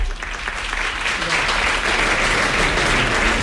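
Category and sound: crowd, audience applause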